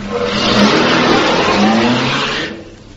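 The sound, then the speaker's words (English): A car engine roars loudly, revving and accelerating as a man in a chauffeur's uniform starts it and drives off, then the noise drops off sharply near the end. No voices are heard. “Now, he'll get into the car. He'll start the engine. And then he'll drive off.”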